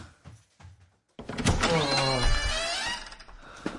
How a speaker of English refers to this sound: I'll go and open the door to the outside world